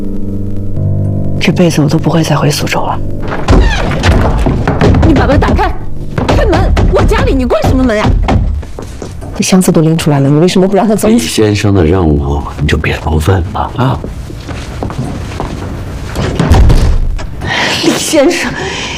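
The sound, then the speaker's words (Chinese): A door in a home thuds shut, a single dull knock near the start, followed by agitated voices talking loudly and continuously through the rest of the scene. “你把门打开，开门！我家里你关什么门呀？”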